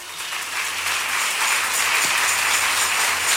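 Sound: audience clapping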